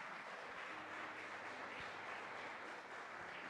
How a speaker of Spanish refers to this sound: Denle ese fuerte aplauso a nuestro Rey Celestial. Amén.